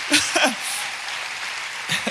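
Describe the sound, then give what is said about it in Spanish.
Steady crowd applause for the Lord, a dense hiss of many hands clapping at once, continues throughout, while brief bits of a voice break in at the start and again near the end. “Si vas a aplaudir, apláudale fuerte al Señor.”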